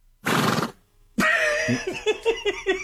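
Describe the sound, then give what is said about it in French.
A person imitates a horse: a short breathy snort, a brief pause, then a loud whinny that quavers in rapid, wavering pulses as it trails off. “Ok, le cheval.”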